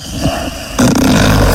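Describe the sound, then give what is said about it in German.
A man snores loudly, one harsh, rattling inhale that rumbles in after a brief quieter moment and continues steadily to the end. “Na, da, ja, du schnarchst schon wieder!”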